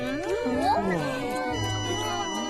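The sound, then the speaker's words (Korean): A cat eating sweet potato meows with a rising, drawn-out pitch, followed by lower voiced sounds against a steady background hum. “고양이가 고구마를 맛있게 먹네.”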